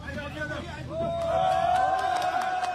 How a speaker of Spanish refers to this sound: Aplausos y emoción después de 9 días.